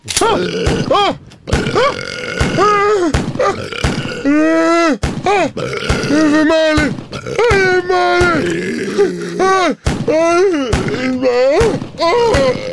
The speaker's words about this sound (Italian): Lo chef Pentolaccia viene raggiunto da tantissimi rutti buffi e revolverate in volto